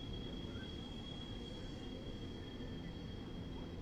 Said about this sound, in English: Train screeching by right there in left field.